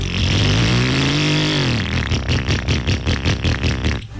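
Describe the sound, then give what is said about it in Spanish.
A motorcycle engine revs up with a rising, droning whine, then drops into a rough, rapid sputtering chug that pulses steadily before cutting off. It's loud, with no voices. “hora de cambiar esa moto.”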